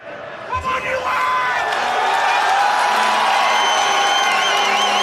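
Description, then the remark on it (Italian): A loud, dense crowd of United States football fans cheering and shouting together, chanting USA, in a fan zone outside the Chase Center in San Francisco while watching a US national team match, with overlapping voices and whoops that build after a brief onset and then hold steady. “ha seguito la partita tra i tifosi statunitensi in una fan zone di San Francisco”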